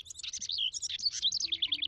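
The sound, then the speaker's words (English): A male house wren sings a rapid, bubbling cascade of high chattering trills and warbles, continuous and lively, clear against a faint low background rumble. “This helps bluebirds find a space to nest, at least until next spring, when that male house wren gets busy again.”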